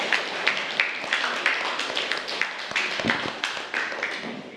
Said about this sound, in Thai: ปรบมือให้เพื่อนกลุ่มที่5หน่อยค่ะ